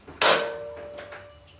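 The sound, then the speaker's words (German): A sharp metallic clack of a bathroom door lock being unlatched by hand in the dark, followed by a long, steady creak and a few faint mechanical clicks as the door, hard to open with a man lying against it, begins to move. Fairly loud. “entriegelte mit der anderen Hand das Schloss.”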